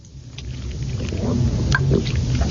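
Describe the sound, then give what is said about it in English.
A car slows to a crawl as it rounds a bend and pulls up in front of a wide brick house, its low engine rumble steady, with faint road noise and a few small clicks and squeaks; no one speaks. “She rounds a pleasant bend and pulls up in front of a wide brick house perched on a pretty lot.”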